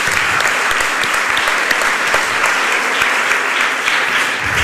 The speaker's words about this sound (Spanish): Podéis aplaudir a Isaías también de manera particular.